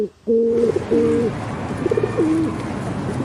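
Pigeons coo in soft, low, throaty phrases, a couple of rolling calls early and another pair later, over a steady background hum.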